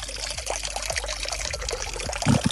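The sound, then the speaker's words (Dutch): Water trickles and pours steadily into a garden pond, a continuous bubbling splash with small gurgling drops throughout, and no talking. “Hier loopt weer wat water.”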